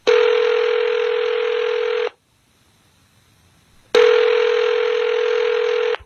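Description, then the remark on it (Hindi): A telephone ringback tone after dialing a call, heard as two steady, buzzy two-second bursts separated by a pause of silence, clear and fairly loud with no voices. “तुरंत फोन मिलाया”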